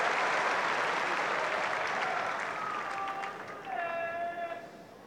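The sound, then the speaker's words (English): A large tennis crowd applauds loudly and steadily after Bublik serves an ace to go 2-1 up on serve against Tiafoe in a third-set tiebreak, the clapping a dense wash of sound, with a few whistles and shouts rising over it near the end as it begins to ease. “Well, the crowd right on this now.”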